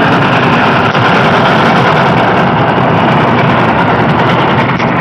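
A train passing near a village, in a scene from the film Pather Panchali, rumbles past in a loud, unbroken roar, a dense, steady wash of low engine drone and rattling noise that holds constant throughout, with no voices.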